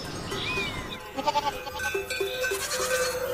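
Goats bleat in a short series of nasal, wavering calls over a busy outdoor farmyard background, the cries overlapping with no one speaking.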